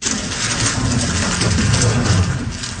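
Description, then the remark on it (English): A Rubik's Cube being twisted at speed by a six-year-old girl from China, solving it in just over 4 seconds for a women's world record, its clicks running together into a steady, dense rattle that holds an even loudness for about three seconds, with no voices. “That is the clicking sound of a Rubik's Cube being speedily solved by a six-year-old.”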